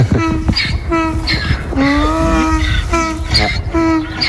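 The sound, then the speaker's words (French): A donkey named Sirène brays loudly in a long run of rhythmic, honking hee-haw cries, harsh and buzzy, repeating steadily for several seconds with no voices over it. “On entend sirène là.”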